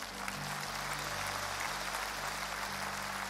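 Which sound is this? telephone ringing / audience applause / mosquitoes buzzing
audience applause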